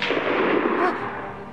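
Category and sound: sound effect, rifle shot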